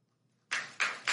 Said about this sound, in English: Notice, wow. Listen how slow the applause started. It was like, because he was waiting, and he had this look on his face, basically looking at them like, you better clap.